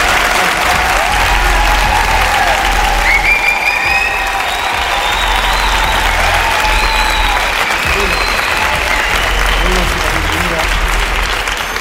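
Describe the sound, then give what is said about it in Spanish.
A large audience applauds the team loudly and steadily in a big hall at the Palacio de Congresos de Albacete, dense clapping filling the space for about twelve seconds, with a few faint whoops and whistles rising above it. “Que se sienta la fuerza de este lugar donde estamos, con un fuerte aplauso para nuestro equipo.”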